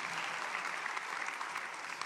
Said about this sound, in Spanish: Alguien tiene que gritar un fuerte amén y aplaudir el nombre del Dios que cuida de nosotros.